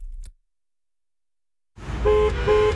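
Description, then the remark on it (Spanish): Car horns honk in a burst of traffic after a brief silence: two long tonal blasts ring out over a dense rumble of engines, loud. “Si estás parado en el tráfico y otra vez te tocó el semáforo en rojo, este mensaje es para ti.”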